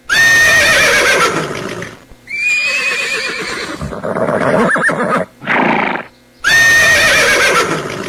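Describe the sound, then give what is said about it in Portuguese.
Loud whinnies of a herd of young horses ring out in several bursts, shrill and quavering, with a couple of calls overlapping and brief rustling, snorting sounds between them, opening a gaúcho culture programme on Rádio Terra Gaúcha; no one speaks. “No relincho da potrada vai começar mais um programa dedicado à cultura com a força do gaúcho.”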